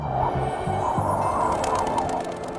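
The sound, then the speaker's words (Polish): A listener imitates a cuckoo call during a morning programme on Polish Radio Trójka, repeating low, hooting two-note coos several times in a steady rhythm over a background hum, moderately loud. “Taka kukułka.”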